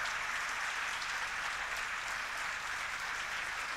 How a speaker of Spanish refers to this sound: Un aplauso grande a los obreros, trabajadores que hicieron esto. Gracias.